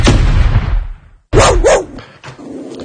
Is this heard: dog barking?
yes